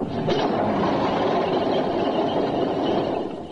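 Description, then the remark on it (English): An old petrol engine is started up and runs with a loud, steady rumble, its dense churning noise holding constant throughout with no talking over it. “Right, hold on, everybody. I'm going to start her up.”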